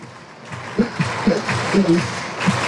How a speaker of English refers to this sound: Fans clapping their hands here at the ballpark.